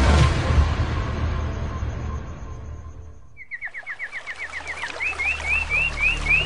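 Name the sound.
birds singing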